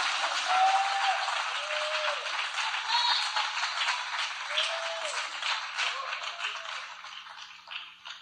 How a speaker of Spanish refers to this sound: Come on, come on. Usted lo puede hacer. Dele un aplauso más tremendo al Rey de Reyes y Señor de Señores. Come on. A Él la honra, a Él la gloria, a Él la alabanza. Él está aquí. Dele un aplauso al Señor Jesucristo.